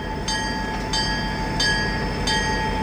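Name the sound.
train passing on rails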